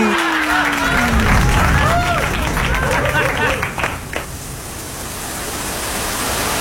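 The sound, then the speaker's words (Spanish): A sudden heavy downpour, which began after sunny weather turned cloudy, hisses steadily and loudly throughout, a dense wash of rain noise, with brief voices and a few squeaky sounds mixed in near the start. “Cálmate que va a llover.”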